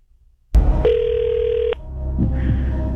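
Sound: telephone ringing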